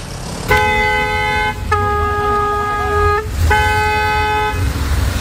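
Car horns blare in three long honks over a steady low rumble of street traffic on a busy boulevard in Sector 5 of Bucharest, the middle blast wavering in pitch, loud, with no one speaking.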